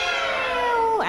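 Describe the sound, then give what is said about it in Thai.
A single drawn-out, high-pitched meow made by a human voice imitating a cat, held steady before sliding and bending at the end, fairly loud. “นักเรียนปลายทางคิดว่าเสียงนี้ใช่เสียงของแมวหรือเปล่าคะถ้าคิดว่าใช่นะคะถูกต้องค่ะเสียงนี้นะคะก็คือเสียงของแมวนั่นเองแมวร้องยังไงนะคะแมวร้องยังไงนะ”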